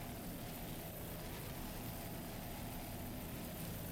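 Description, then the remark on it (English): A 33-foot Fountain racing powerboat's twin Mercury 500 horsepower engines roar in a steady, unbroken drone for several seconds, heavy in the low end and mixed with broad wind and water rush, as the boat runs bumpy waters at the SDI APVA National Championship at Deerfield Beach. “It's powered by twin Mercury 500 horsepower engines, strong runner Team Ultra, Conrad Fountain Racing out of Michigan.”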